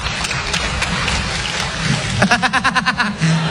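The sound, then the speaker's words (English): An audience claps in answer to being asked whether they knew their spouse two years or less before marrying: scattered claps rise over a steady murmur, then a brief burst of quicker, rhythmic clapping swells before fading, all at a moderate level. “Clap if it was 2 years or less.”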